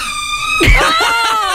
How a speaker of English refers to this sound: when we were on the phone call to her and like a door creaked